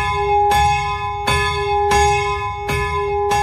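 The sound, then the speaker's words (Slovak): A church bell, rung by hand by a man pulling a rope hanging from the ceiling ten minutes before mass, swings and tolls loudly, striking five times in an uneven rhythm, each clang blending into a steady, humming ring that never fades between strokes. No voices. “tam normálne visí zo stropu taký motus, a ten pán ho chytí, pozrie sa na hodinky, že kedy má presne začať zvoniť a 10 minút pred omšou začne zvoniť na tom.”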